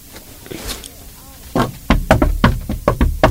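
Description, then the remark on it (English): Loud, insistent knocking on a door by people wanting an autograph, a rapid uneven flurry of about eight or nine thuds that starts after a quiet moment and keeps going to the end. “I got a little autographs in my door.”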